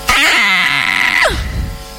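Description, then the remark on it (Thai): A voice imitates the squeal of a pig that has woken up hungry: one loud, strained, high-pitched shriek held for about a second, then sliding sharply downward and trailing off into a low rasp. “โอ้โหหมูเป็นสัตว์ที่เอาตัวเองที่สุดพอตื่นขึ้นมาแล้วหิวเป็นไงกรี๊ดเลยใครอยู่ใกล้โรงหมูเนี่ยจะได้ยิน”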